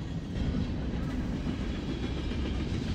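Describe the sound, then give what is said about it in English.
A train rumbles steadily past, a continuous low roar with faint rhythmic clatter of wheels on track throughout. “We have this train going by.”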